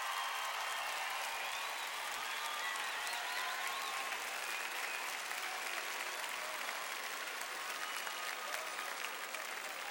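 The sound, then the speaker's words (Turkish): Sustained applause from a crowd for the Turkish women's national volleyball team, a dense steady patter of many hands clapping at an even loudness throughout, with no speech over it. “Ve kadınlar milli voleybol takımına bir alkış gönderelim.”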